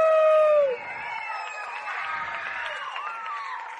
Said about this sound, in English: Allora. Here. Big round of applause for the president,